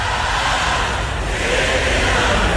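A dense, steady roar from a huge arena crowd at a Knicks game, loud and continuous, with many voices cheering, shouting and singing along as a song is played when a special guest appears on the scoreboard.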